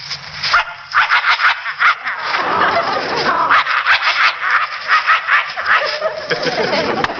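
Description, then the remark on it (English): A man's voice imitates a vicious dog, snarling and growling in a rough, continuous rumble with pulsing bursts for about seven seconds, loud. “Or a vicious dog like this.”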